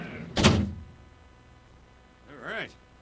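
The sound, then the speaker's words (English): A heavy door shuts with a single deep, solid thud, then after a quiet pause a brief wavering, tonal squeak sounds as the door is locked. “Go and lock in the big-ass door.”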